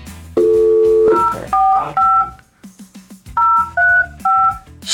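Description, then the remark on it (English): A rapid series of touch-tone beeps as a phone number is dialed to call a man, each short dual-pitched tone clear and loud, with brief gaps between them, over a faint music bed. “All right, let's get him on the phone here.”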